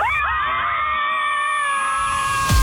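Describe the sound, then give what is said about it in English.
Several high-pitched women's voices scream together on a count of three, one long, sustained shriek, loud, holding steady for a couple of seconds before cutting off abruptly with a thump. “We are all going to scream together.”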